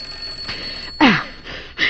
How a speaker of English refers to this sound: Mike, the doorbell. I said the doorbell. What about it? It's ringing. Let it ring.